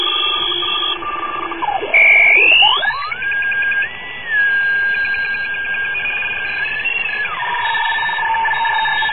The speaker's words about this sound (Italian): Ecco, questa è una telescrivente, è una macchina che trasmette caratteri ASCII in un sistema che si chiama RTTY, all'incirca 75 baud.